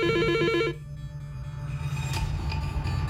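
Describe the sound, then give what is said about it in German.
A telephone rings at the Radio Euroherz studio as a listener calls in, a rapid, warbling electronic trill for under a second, then cuts off, leaving a low rumbling background noise. “Warte mal, da klingelt er.”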